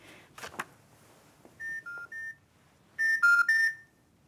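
Short electronic telephone beeps as a number is dialed: a quick run of three tones at shifting pitches, a pause, then a louder cluster of beeps, with faint handling noise before.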